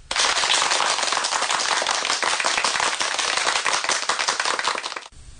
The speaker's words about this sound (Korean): 조덕의 말이 끝나자 여기저기에서 박수 소리가 들려왔다.